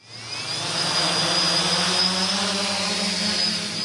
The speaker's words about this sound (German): 2 Drohnen starten in einem riesigen Käfig, 15 Meter hoch, erinnert an eine Vogelvoliere.